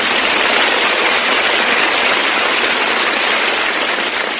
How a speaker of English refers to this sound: You open the door and the neighbors applaud. It's really something. All the houses on radio programs have built-in applause, I've noticed.